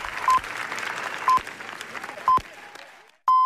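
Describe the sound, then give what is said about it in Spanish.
A cinema crowd at the Cannes film festival claps steadily in dense, sustained applause for Los Javis, part of a 20-minute ovation, while short high beeps sound once per second; the clapping cuts off just before a final, longer beep. “Y en el cine, el largo aplauso. 20 minutos de aplauso en una de las jornadas más históricas de Cannes.”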